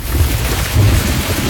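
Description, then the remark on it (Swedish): Steady hiss of falling rain with deep, rolling rumbles of thunder swelling twice underneath, loud, with no voices present. “På sommaren vill man inte att det regnar.”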